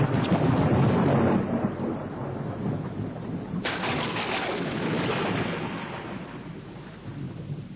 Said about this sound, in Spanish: Bien entrada la noche, se ha desatado un temporal de lluvia y viento.